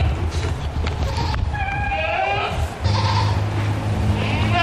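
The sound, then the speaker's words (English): Goats bleat repeatedly, their wavering cries overlapping with one another over a busy, rumbling background of farmyard noise. They are among a Morgan County farmer's 21 goats, evacuated from the Rocky Canyon fire and sheltered at the Morgan County Fairgrounds. “That includes Dick Tennant's 21 goats and 3 peacocks.”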